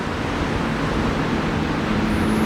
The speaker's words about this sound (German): In dieser Hinsicht hat die neue Helmut-Kohl-Allee einen Riesenvorteil. Es gibt keine einzige Meldeadresse. Hier rauscht nur der Verkehr.